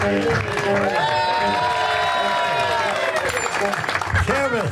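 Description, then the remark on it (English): A loud crowd claps and cheers steadily for about five seconds, with whoops and shouting voices rising and falling over the dense applause. “thank you for that inappropriate begging for applause response.”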